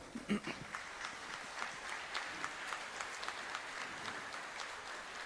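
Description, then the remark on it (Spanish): Steady applause from an audience for the security forces, a dense patter of many hands clapping at an even level for several seconds, with no voices rising above it. “Y sobre todo, pues, brindarles un aplauso que pocas veces podemos dárselos porque ustedes siempre están en el territorio.”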